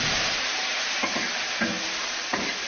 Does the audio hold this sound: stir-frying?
yes